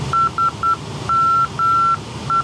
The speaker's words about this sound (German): Das ist die Morsekennung von dem Funkfeuer, das das Flugzeug gerade ausgewählt hat zur Positionsbeilung.